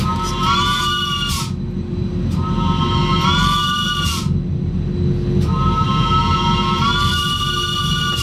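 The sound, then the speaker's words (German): A cog railway locomotive, on a line opened in 1893, sounds its horn as the driver presses it, in three long, chord-like blasts over the steady, loud rumble and clatter of the running train on a steep ascent. No one speaks. “Und unser Lokführer Martin, der drückt jetzt noch mal auf die Lokkupe.”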